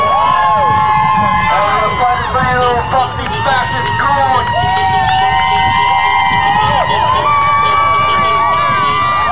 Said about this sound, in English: And they're the inmates, the detainees, are flashing the lights on and off, and that's what the people in the street were cheering about.